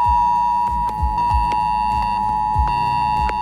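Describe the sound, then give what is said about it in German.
A shrill, steady electronic emergency alert tone from a mobile phone on a nationwide warning day blares continuously, layered with harmonics, while low rhythmic thumps pulse underneath; no one speaks. “Um 11 Uhr könnt ihr euch auf ein schrilles Handyklingeln gefasst machen. Das klingt etwa so.”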